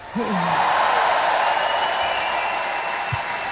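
A large audience bursts into sustained, loud applause that holds steady throughout, with a brief whooping cheer rising over the clapping at the start.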